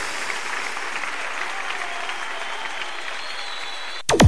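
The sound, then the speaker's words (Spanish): A large audience claps steadily as an offering of applause to God, in sustained, dense applause with a few cheers rising through it, before a sudden loud burst cuts in at the very end. “hay una ofrenda de palmas al Rey de Reyes.”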